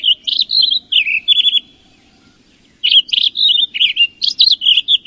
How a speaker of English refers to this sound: A mile up the trail, in a stand of ponderosa pines, a Townsend solitaire lets loose its rush of notes.